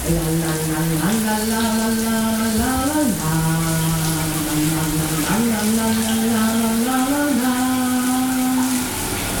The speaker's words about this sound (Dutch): Tijd om het douchegordijn te gaan sluiten, want we willen het niet zien natuurlijk. Hè, daar gaan we. De kraan die gaat aan